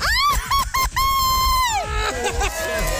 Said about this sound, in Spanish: vamos a darme tu grito bien mexicano. ¡Una, dos, tres!